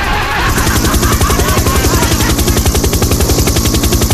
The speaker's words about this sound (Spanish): Ahí va el helicóptero, ahí va, mira a la señora, ahí va. Va pasando.